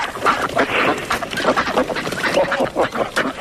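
A large flock of about fifty ducks at a pond quacks continuously and overlapping, a dense, busy chorus of nasal calls with no pauses, filling the whole stretch.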